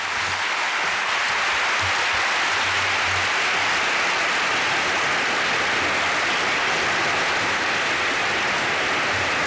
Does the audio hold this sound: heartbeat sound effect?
no